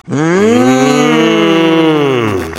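A single long cow moo, loud, holding a low droning tone for over two seconds before trailing off, with no other sounds around it.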